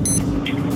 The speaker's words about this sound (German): Ja, aber so klingt doch dein Wecker, oder nicht? Eher so wie der erste. Ich glaube, beim zweiten, da wäre der schon mehrmals aus dem Fenster geflogen.